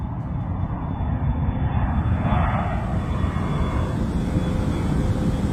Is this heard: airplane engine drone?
yes